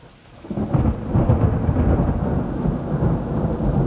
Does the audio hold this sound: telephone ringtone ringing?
no